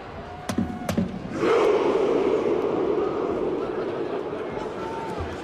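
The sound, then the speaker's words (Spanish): A large football crowd in the stands performs a Viking rowing chant, mimicking rowing: two sharp claps, then a massed roaring shout that swells and holds for several seconds before slowly fading. “sino una coreografía que evoca su pasado vikingo, en el que, para que os hagáis una idea, pues los jugadores en el césped y los fans, el público en las tribunas, en las sillas, se ponen como si estuvieran remando y hacen este grito.”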